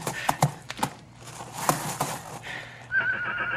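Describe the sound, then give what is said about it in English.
A young horse, a colt being whipped, whimpers and neighs in shaky, high-pitched bursts, ending in a long trembling whinny, with a few hoof clops and rustling underneath. “Stop whimpering, you ornery colt.”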